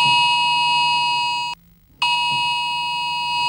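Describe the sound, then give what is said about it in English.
A loud, piercing electronic alarm tone blares steadily, cuts out for about half a second, then resumes just as harsh and insistent: a UK emergency alert sounding on mobile phones across England and Wales, warning of a very high risk of wildfires. No voices. “Millions of mobile phones across England and Wales sounded an emergency alarm last night, warning of a very high risk of wildfires.”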